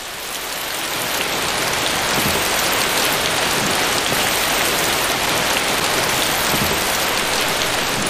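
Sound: rain falling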